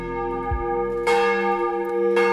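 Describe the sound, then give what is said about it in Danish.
The church bells of Vor Frue Kirke in Copenhagen, Denmark ring in the morning devotion, tolling with deep, rich, ringing tones that hang in the air. Fresh strokes land roughly once a second over a steady humming resonance, with no voices. “Og så ringer det ind til dagens morgenandagt fra Vor Frue Kirke i København.”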